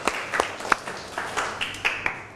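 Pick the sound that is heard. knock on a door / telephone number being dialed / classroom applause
classroom applause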